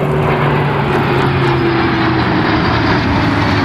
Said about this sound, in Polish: Wczoraj nad Wisłą latały wojskowe myśliwce i helikoptery.